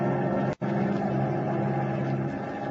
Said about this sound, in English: As our play continues, the giant bomber with its crew of four men is roaring eastward through the night.